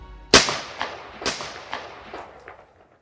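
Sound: gunshot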